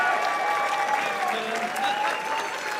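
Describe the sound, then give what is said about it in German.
Steady, dense applause from an audience for a performer announced as the audience favourite, a continuous wash of many hands clapping at an even loudness throughout, with no voices standing out. “Ja, einen dicken Applaus bitte für den Publikumsliebling”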